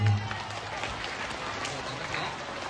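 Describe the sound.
A group of children clap together in steady, dense applause, moderately loud and sustained across the whole moment, with a faint murmur of voices beneath.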